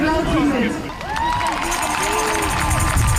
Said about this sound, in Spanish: Ambiente de esta tarde en la Plaza de la Catedral, justo delante del Parlamento Estatal. La gente frente a un escenario aplaudiendo los discursos contra Alternativa para Alemania.